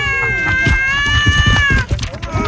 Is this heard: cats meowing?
yes